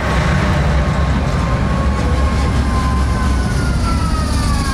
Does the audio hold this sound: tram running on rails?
yes